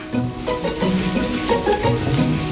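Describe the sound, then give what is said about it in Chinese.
Salted egg yolk sizzles steadily as it is stir-fried slowly over low heat in a separate pan until fine foam forms, a continuous crackle with a soft scraping texture and no voices. “另起一锅，将咸蛋黄慢火炒至泛起细密泡沫。”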